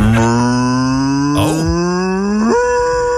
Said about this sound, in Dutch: Wat doet een koe, …? Boe! Boe? Boe!